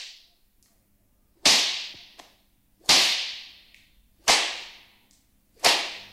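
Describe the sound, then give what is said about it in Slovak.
Four sharp whip lashes crack at a steady interval, each a loud bright snap with a quick fading tail, plus a couple of faint smaller flicks between them. No one speaks. “Korbáč mám nahotovený.”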